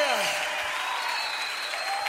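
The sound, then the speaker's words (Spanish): An audience claps steadily and loudly for the full two seconds, a dense, unbroken wash of applause given in worship to the one worthy of honor, glory and adoration, with a faint voice rising over it. “Oh, dale fuerte ese aplauso al que es digno de honra, de gloria, de adoración, de alabanza.”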